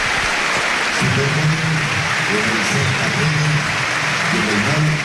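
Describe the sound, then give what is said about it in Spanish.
A large stadium crowd at a Real Sociedad versus Valencia football match gives an ovation as Oyarzabal leaves the pitch, a steady, dense roar of clapping and cheering, with voices rising and falling in swelling tones underneath throughout. “Ovación a Oyarzábal, que se marcha del campo.”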